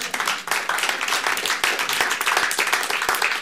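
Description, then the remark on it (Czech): A crowd applauds steadily, dense overlapping hand claps forming a continuous, fairly loud patter throughout, with no voices standing out. “No to je pěkné sdělení, to je na potlesk.”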